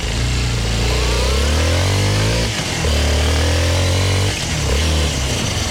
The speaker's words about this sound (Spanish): La clave de hoy, acelere ahí la moto, mi estimado.